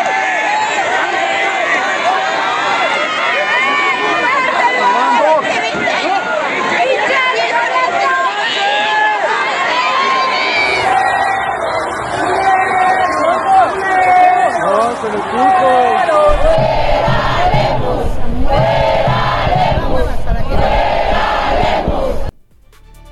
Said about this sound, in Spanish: Así se escucharon las protestas en la calle. ¡Lemus, pendejo! ¡El agua es un derecho!